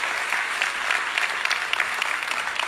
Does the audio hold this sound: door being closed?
no